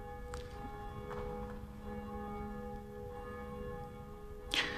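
The church bell named Jacobus tolls in a bell tower at 12 noon, its strokes coming every second or so over a steady, ringing hum of sustained overtones, with one brighter, sharper strike near the end. No voices.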